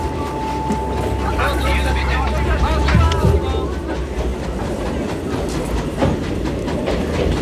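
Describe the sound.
A train to Lyon runs steadily on its rails, with a loud, continuous low rumble and rattling clickety-clack, a thin high tone in the first few seconds, and indistinct voices murmuring underneath.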